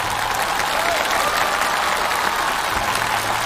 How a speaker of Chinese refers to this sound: 我就再次把掌声送给他们，好不好？